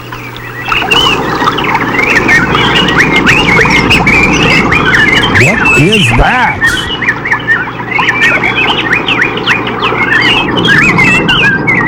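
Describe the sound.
A large flock of birds chirps and squawks continuously and densely over a steady rushing wash of running creek water, with a person briefly speaking partway through.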